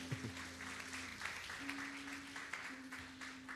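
A crowd applauds steadily, a dense wash of clapping hands that holds at an even level throughout, with a low steady hum underneath and no voices rising above it.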